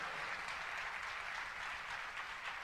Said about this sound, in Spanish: Muy bien, un aplauso para ustedes por eso.